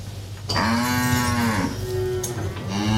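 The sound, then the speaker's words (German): A cow moos loudly, a long sustained low bellow that holds steady for over two seconds, with no one talking. “Auch deswegen liegt man hier so glücklich an der Kuh.”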